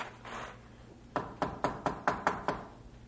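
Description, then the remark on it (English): Seven quick, evenly spaced, firm knocks on the wooden door of a man's old home, over a quiet low background hum, with no voices. “He came at last to the door of his old home. He hesitated a moment, then knocked.”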